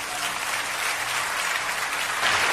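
An audience applauds God steadily, a dense wash of many hands clapping at an even, loud level throughout, with no voices standing out above it.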